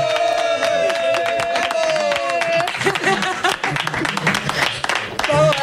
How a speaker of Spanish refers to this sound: Clar que sí, un fort aplaudiment.